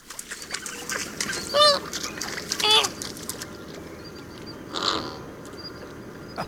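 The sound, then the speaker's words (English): Flamingos honk in a few separate nasal bursts, about a second apart, over a steady wash of background flock noise. “flamingos may not yet officially be Florida's state bird, but now they are Miami-Dades.”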